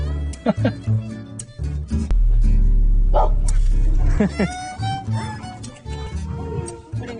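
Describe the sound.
A dog barks several times in short, irregular bursts in Xiazhuang village, mixed with people talking and a steady low hum in the background.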